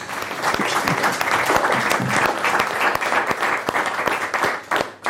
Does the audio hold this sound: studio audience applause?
yes